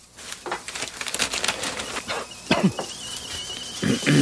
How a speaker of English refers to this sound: The kettle's on. Would you like a cup of tea, love?